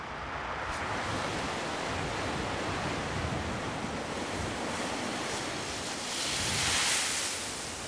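Heavy ocean waves about 4 metres high roll and crash continuously over a steady roar of wind, with a louder surge of surf building near the end, at sea aboard the ship Bad Düben near the Dutch border. No voices are heard.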